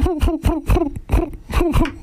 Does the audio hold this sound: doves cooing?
yes